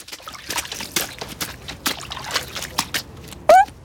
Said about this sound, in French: traverse la flaque en traînant ses bottes en caoutchouc dedans